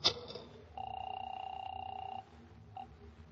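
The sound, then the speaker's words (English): A single ring tone sounds over a telephone line, a steady buzzing tone lasting about a second and a half after a brief click, then a faint blip before quiet. “Let me use your phone.”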